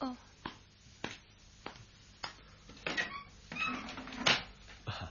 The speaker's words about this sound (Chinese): 等我开门睇下。